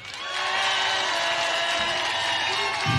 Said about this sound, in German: kurz Applaus.